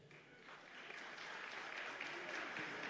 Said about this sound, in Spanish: Muy bien, vamos a pedir aplausos y solo aplausos.